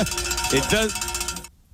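A bell rings with a bright, sustained metallic tone and shimmering overtones for about a second and a half, then cuts off abruptly. Brief vocal sounds blend in partway through.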